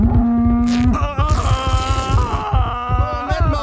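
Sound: cow mooing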